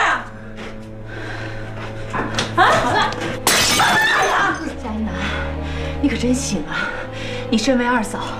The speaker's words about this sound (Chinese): 不是，别砸了吧！